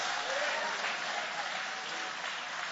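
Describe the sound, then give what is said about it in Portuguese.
A church audience applauding the name of Jesus steadily during a service, a dense wash of many hands clapping at an even loudness throughout, with no clear voices rising above it. “Levantem as mãos e aplaude o nome de Jesus.”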